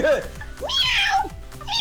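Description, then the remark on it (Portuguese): A man's voice imitates a hoarse cat meowing, a few rough, strained yowls in quick succession, fairly loud, with breathy rasping between the calls. “Vou imitar o gato, viu?”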